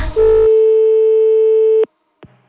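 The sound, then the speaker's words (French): A loud telephone busy tone from a phone left off the hook, one steady mid-pitched beep held for nearly two seconds, cuts off abruptly. A short click follows, then quiet. “Et puis y en a vraiment qui ont un problème pour accrocher leur téléphone.”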